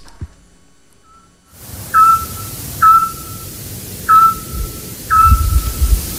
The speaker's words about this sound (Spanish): Hombre, el autillo. Muy bien. Muy hemos bien, hablado ese es... mucho de él en este programa. Claro, el pájaro submarino, ¿verdad? El que emite ese sonar tan característico.